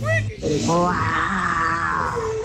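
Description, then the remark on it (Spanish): A loud, drawn-out growling roar like a lion's, likely a person imitating it, rising after a brief vocal start and holding for about two seconds. “Una mañana en la selva, el león se despertó y rugió muy fuerte.”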